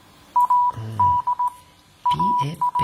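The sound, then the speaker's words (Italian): Morse code beeps: a steady mid-pitched tone keyed on and off in a quick mix of short and long pulses, loud and clear, with some low muffled sounds underneath in places. “I vari mezzi di comunicazione, come il codice Morse. A proposito, ascolta, lo sai decifrare?”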